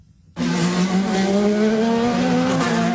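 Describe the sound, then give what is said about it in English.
IndyCar race cars roar past loudly after a brief quiet moment on Washington, D.C. streets converted into a racing track, near the U.S. Capitol, at speeds of almost 200 miles an hour, engines screaming at a steady high pitch with a slight rising whine, the sound sustained with no speech. “Cars are roaring through streets more accustomed to presidential motorcades.”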